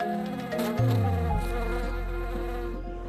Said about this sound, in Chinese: 漫山的枇杷花在冬季盛开，是蜜蜂们的天堂。这里的枇杷花花期短，花蜜的浓度高，是我国最好的枇杷蜜产区之一。